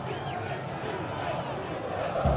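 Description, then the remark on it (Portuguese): A large stadium crowd of about 2,000 Internacional football fans at Arena Corinthians chants "Inter, Inter, Inter" together in a steady, rolling roar that fills the space, swelling louder toward the end. “Esse é o grito, Inter, Inter, Inter, gritam os 2.000 colorados que estão aqui na Arena Corinthians, aplaudidos de pé pelos jogadores do Inter”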